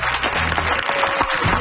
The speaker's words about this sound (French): Est-ce qu'on peut applaudir bien fort … qui ont été parmi nous dans cette dernière heure d'émission?